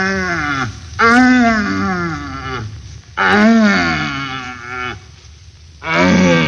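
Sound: red deer stags bellowing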